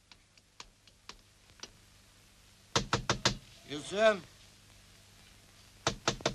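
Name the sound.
knocking on a door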